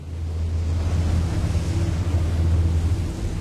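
Strong wind roars steadily outdoors in cold weather, a loud constant rumble with gusty buffeting against the microphone and a broad hiss on top, with no voices.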